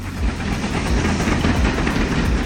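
A train runs fast along railway tracks on the Maribor to Ljubljana route, at the top speed allowed there, a loud continuous roar of rolling wheels with deep rumble and faint rhythmic clatter throughout, no voices.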